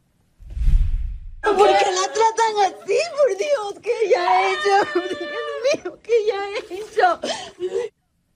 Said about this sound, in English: the woman heard yelling in the video